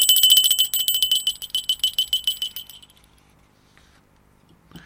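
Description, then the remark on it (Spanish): A small hand bell rings rapidly and brightly for a couple of seconds, its rattling strokes quickly fading out into near silence. No one speaks. “Suena la campanilla.”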